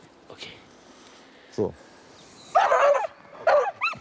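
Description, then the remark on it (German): A dog gives a few sharp barks and yelps outdoors during dog training, including a pair of loud barks near the end, with faint background murmur between them. “Und bevor du den Hund schickst, drehst den Hund einmal, dass er die Richtung nicht weiß.”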